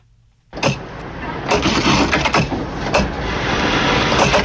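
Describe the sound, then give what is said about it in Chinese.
Sewing machines whir in a clothing factory in a Toronto industrial park, where workers cut and sew white Arctic camouflage helmet covers and military cold-weather clothing; a dense, steady mechanical drone that starts abruptly after a brief hush, broken by short, sharp rattling bursts as the machines speed up. “在多伦多工业园区的一家服装工厂里，缝纫机轰鸣声不断，工人们正忙着裁剪缝制专为北极恶劣环境设计的白色迷彩头盔罩和军用防寒服。”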